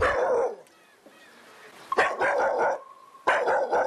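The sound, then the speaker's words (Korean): A dog named Moka barks loudly with its tail lowered, in quick bursts of sharp, fairly high-pitched yaps, with a short quiet gap between each cluster of barks and no one talking. “근데 짖을 때 보면 꼬리도 내려가고 되게 무섭게 짖는 것 같지만 다가가면 오히려 뒤로 도망가고.”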